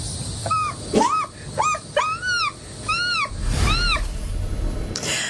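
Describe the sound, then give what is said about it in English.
A man's voice imitates the calls of an American herring gull: a quick series of about six loud, rising-and-falling wailing cries, with brief pauses between them and a faint background hiss. “He says he can mimic more than 100 bird calls.”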